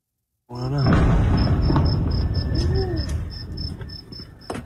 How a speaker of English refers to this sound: The sound of escalation in the Middle East, an explosion in northern Iran. U.S. airstrikes are landing inside the country.